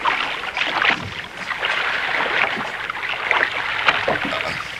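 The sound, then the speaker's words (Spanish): Peter's small boat, with Jesus aboard, is pushed away from the shore, with steady sloshing and splashing water and scattered knocks and scrapes over about five seconds, fairly loud throughout and with no voices. “Alejemos la barca de la orilla.”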